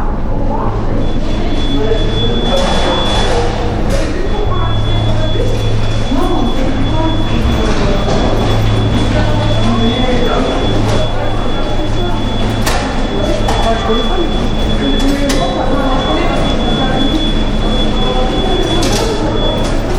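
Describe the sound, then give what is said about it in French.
Busy underground metro station ambience with a low train rumble and a steady high tone, murmuring crowd voices and scattered clanks throughout, fairly loud and enveloping; the station's acoustics are muffled and reverberant. “Comment pourrais-tu qualifier ou décrire l'ambiance ou l'acoustique de la station de métro ?”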